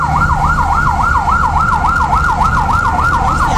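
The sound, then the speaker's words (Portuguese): The siren of a Ribadeo, Galicia, fire engine responding to a fire in a graphic arts shop on Carlos III street wails in a fast, steady up-and-down cycle, loud, over the low rumble of traffic and engine noise, with no one speaking. “Este é o son dos bombeiros de Ribadeo que acudiron a apagar o lume iniciado nunha tenda de artes gráficas na rúa Carlos III.”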